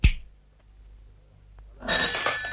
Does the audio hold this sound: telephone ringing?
yes